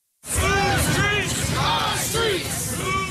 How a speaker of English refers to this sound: A large crowd marches down North Aurora Avenue near 102nd Street. They're calling for Seattle leaders to stop the gun violence and sex trafficking this area is known for.